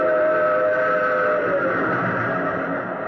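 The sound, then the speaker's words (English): A train plunges out of a tunnel hewn out of mountain rock and thunders past, a dense, deafening roar of rumbling wheels and rushing air, with a steady whistle-like tone riding over the first half. No voices. “And plunging from the tunnel's mouth, like some black, terrible monster, roared a train. It tore by me in a deafening roar.”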